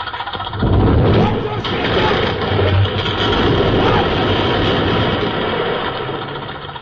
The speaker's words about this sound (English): All right! Start up that tractor! Pull those props out!